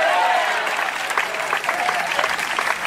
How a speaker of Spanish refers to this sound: Después que se aplauso al Cristo de la gloria. ¡A su nombre!